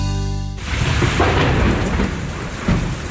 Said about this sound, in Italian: La pioggia e la grandine hanno rovinato il tetto.